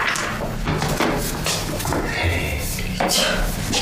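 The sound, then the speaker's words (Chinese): A few separate knocks on a door, spaced unevenly and sharp against a steady layer of background noise, with faint voice-like sound mixed in. “野蛮人学会敲门了，我知道是你，我绝对不会让你进。”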